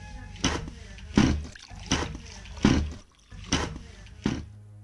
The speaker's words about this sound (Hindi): बेटा जरा एक लोटा पानी तो ला दे, मेरा अंगोछा भी ले आ, जरा हाथ मुंह धो लूं।